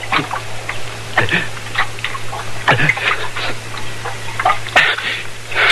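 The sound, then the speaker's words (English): Wet sloshing and gulping noises come in short irregular bursts over a steady low hum, like water being poured and then drunk in noisy swallows. “Here. Drink some of this water.”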